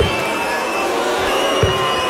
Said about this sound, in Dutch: Afgelopen weekend speelde hij in Amsterdam en waren er behoorlijk heftige fluitconcerten en was er boegeroep te horen.